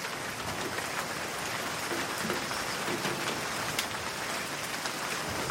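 Steady rain falls without pause, a dense hiss of countless raindrops pattering on a surface, with occasional sharper individual drops standing out. No voices are present.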